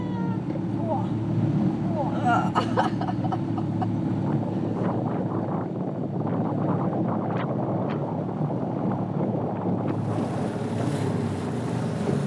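A small former East German (GDR) training boat motors steadily through choppy harbor water, its engine droning continuously beneath splashing waves and gusts of wind buffeting the microphone, with a brief hiss of spray near the end.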